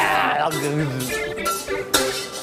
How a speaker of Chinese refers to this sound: 这个声音听不了， 那个玻璃那种声音在。 还有那个盘子和叉子那个。